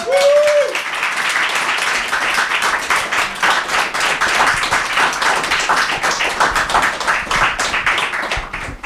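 Sustained applause from a sizable audience at a show, dense rapid clapping filling the whole stretch at steady loudness, with a brief whistle near the start.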